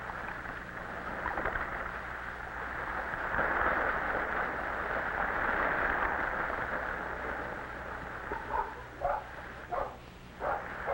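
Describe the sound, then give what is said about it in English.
Over a steady rush of surf, puppies dance in excitement and break into a quick run of excited yips and barks, four or five short bursts near the end, as a stick is thrown far into the water. “The puppies dance in excitement.”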